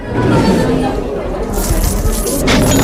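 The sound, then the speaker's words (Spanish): Coins and metal chains clink and jangle as English looters in Cádiz empty chests, a steady rattling clatter that grows brighter and busier in the second half, with sharper metallic bursts near the end. “Los ingleses que habían llegado para saquear Cádiz empiezan a vaciar cofres, monedas, cadenas, vajillas, telas y todo lo poco que habían logrado reunir durante aquella expedición desastrosa.”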